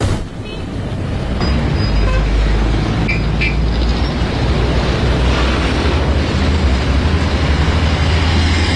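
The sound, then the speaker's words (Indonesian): Loud, steady roar of vehicles rushing past on a dark roadside, none of them stopping, a dense rumbling wash of traffic noise that builds within the first second and holds to the end. “Mobil yang lewat gak ada yang mau berhenti.”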